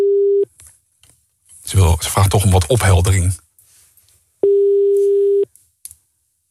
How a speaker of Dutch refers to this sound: de telefoon gaat nu over.